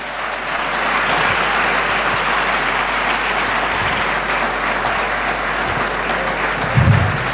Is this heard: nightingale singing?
no